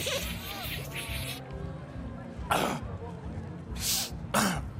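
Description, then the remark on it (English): A man sniffs cocaine off the back of his hand at night outside a student union club: three sharp nasal sniffs, one midway and two quicker ones near the end, cutting through a steady low rumble of crowd murmur and background noise. “then sniffs coke from the back of his hand.”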